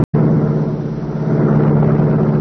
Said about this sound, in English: Though supposedly abandoned, this building served as a hiding place for the sleek, super-powered Black Beauty, streamlined car of the Green Hornet. Britt Reed pressed a button. The great car roared into life.